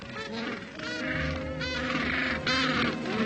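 A dense chorus of harsh, honking calls from penguins on a beach overlaps continuously, many penguins braying at once after returning from feeding at sea to find mates, with repeated nasal cries rising above a steady noisy background.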